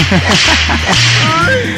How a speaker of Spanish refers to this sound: Ok, déjale, mando por aquí a sus buenos latigazos.